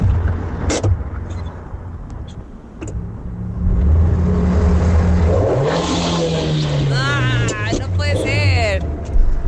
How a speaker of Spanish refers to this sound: No, no es una moto, es un carro. Le están poniendo el freno de mano, ¿verdad? A ver. Y ahí cierra la puerta. Cierra la puerta. Ahí lo prende. Y el acelerón. No, es freno de mano.